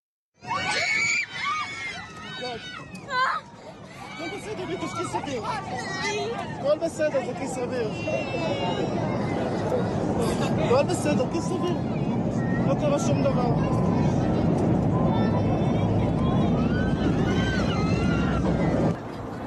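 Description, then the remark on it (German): Many passengers scream and shout in panic inside the cabin of a Fly Dubai flight from Dubai to Tel Aviv, voices overlapping in a chaotic babble over a steady, loud roar of the aircraft, which is rapidly losing altitude; the roar swells and continues throughout. “Man hört schreiende Passagiere und die Geräusche des Flugzeugs, das rapide an Höhe verliert.”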